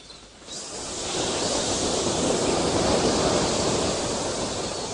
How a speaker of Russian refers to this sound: Океан. Звук моря. Неодолимый, свободный, мелодичный, живой. Окрыленная мелодия мира.